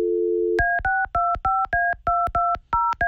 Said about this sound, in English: I don't think she picked up. Oh, man. Maybe her phone's broke. Call her again? Yeah. Hold on. Let me call again. Do we have the right number?